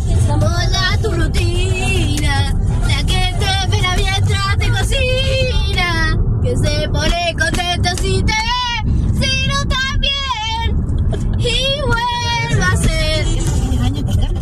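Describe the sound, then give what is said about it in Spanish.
A young girl sings loudly and excitedly in the back seat of a moving car, voice sliding up and down in energetic melodic bursts, over the steady low rumble of the car interior throughout. “Sí, sí, canta, cantando ahí enloquecida.”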